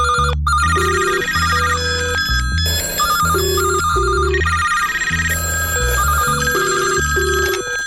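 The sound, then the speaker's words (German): A telephone rings with a loud, bright electronic ringtone melody over a steady bass pulse, repeating its pattern for several seconds with no one talking. “wer ist am Telefon?”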